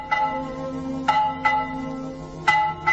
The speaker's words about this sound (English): But along came a widow boy who had a strange hobby of collecting bells, for their history alone would give him knowledge. And he picked up the widow bell. My, what a lovely sound.